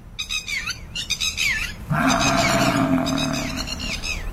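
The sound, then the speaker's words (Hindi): Birds chirp and twitter for a couple of seconds, then a tiger lets out a loud, sustained, rumbling roar that lasts to the end while the birdsong carries on above it, filmed during a tourist safari in the Sariska forest. “ऐसे में रोजाना बाघों के नए वीडियो सामने आ रहे हैं, लेकिन ये ऐसा वीडियो है जो हैरान कर देने वाला है।”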